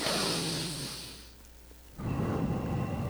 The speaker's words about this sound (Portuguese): É mais ou menos a respiração. Dá para ser melhor.